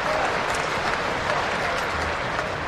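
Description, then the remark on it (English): Steady, dense applause from the players and a large crowd at a game, both teams lined up in front, a continuous wash of many hands clapping at an even loudness throughout. “And the applause from the players is mirrored by the crowd.”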